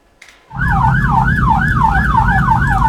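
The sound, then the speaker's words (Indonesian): A volunteer ambulance's siren wails loudly and continuously, its pitch sweeping up and down in a fast repeating cycle, over a heavy rumble of traffic and engine noise, as it passes through Banjararum, Singosari, where a broken-down LPG truck is stopped. “Iya, sirine ini karena ini ya, dari rekan-rekan relawan ambulan.”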